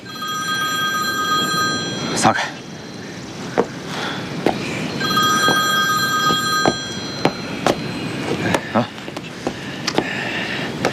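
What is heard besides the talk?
telephone ringing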